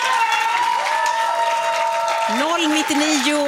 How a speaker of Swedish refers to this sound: Ditt sista svar, en stor applåd för det gänget.